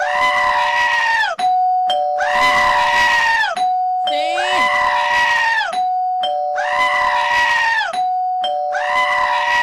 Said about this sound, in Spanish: Es el grito que merecemos todos, ¿no?